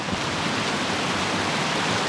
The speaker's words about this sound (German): Es ist Wasser, das plätschert da oben am Kaunertaler Gletscher.